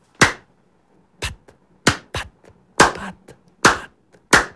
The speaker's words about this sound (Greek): Σαν χαστούκάκια ακούγονται αυτά.